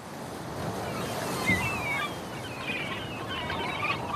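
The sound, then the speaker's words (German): Steady rush of surf and wind fills the background while several seagulls cry out in short, shrill calls, with no talking, on the North Sea island of Helgoland. “Quellen, Wasser, Wind, das Krächzen der Möwen, das Knarzen der Leuchtturmtreppen, das Kreischen der Orkanböen, Jaulen, Jammern, Juchzen.”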